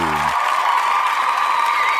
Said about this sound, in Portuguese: como outros amigos ouvintes merecem aquele aplauso.